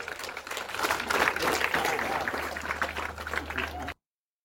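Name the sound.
audience applause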